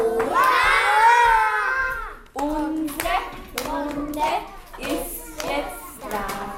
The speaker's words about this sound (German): Den Tag eröffnet sie wie immer mit einem gemeinsamen Ritual, dem Morgenkreis. Alle klatschen laut.